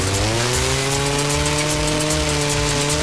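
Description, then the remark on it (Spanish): A chainsaw engine runs steadily at high revs, a loud, continuous buzzing drone with a slight wavering pitch, with no voices. “Desbrozadoras, motosierras, fumigadoras, motocultores, motobombas y generadores listos para el trabajo duro.”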